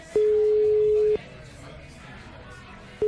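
A phone's ringing tone on an outgoing call: a steady, clear pitched beep lasting about a second, a two-second pause, then the next beep beginning, with faint room noise underneath.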